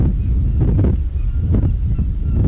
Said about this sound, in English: I'm standing on the boat from Calais to Dover on the 2nd of May 2004, the first day of Slovakia's EU membership. I'm on the boat with several Slovaks who are traveling to London to get their jobs there and probably to have better future.